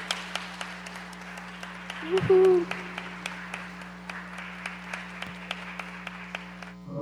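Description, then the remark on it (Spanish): A small audience, present in person at a live radio and television broadcast, claps loudly on request as the show goes to a break, in a fairly steady, even rhythm for several seconds over a constant low hum, with a brief cheer or whoop partway through. “Vamos a ir a un corte, pero me ayudan con un aplauso bien fuerte. Vámonos a un corte con este aplauso.”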